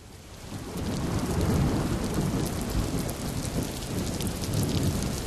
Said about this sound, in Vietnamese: Mưa to quá, cứ thế này nặng mai có khi nước vực sẽ mấp mé sân nhà mình mất. Năm này mùa mưa đến sớm, những gần một tháng đấy.